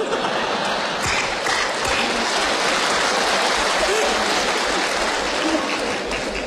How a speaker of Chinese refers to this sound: 我还没说呢，不是，我说完之后您再鼓掌啊，是不是啊？